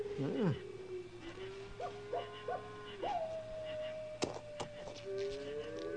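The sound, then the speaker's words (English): An owl hoots a few times while a coyote lets out long, rising and falling howls, both fairly clear against a quiet nighttime background. “For instance, that old owl and that coyote might even be talking to each other.”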